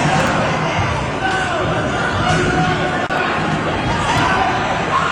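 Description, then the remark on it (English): A loud, chaotic crowd of people yelling and shouting over one another during a fight at a kindergarten graduation, a continuous roar with no pauses across the whole stretch. “No, but it sounds like a major undertaking with people yelling and throwing stuff.”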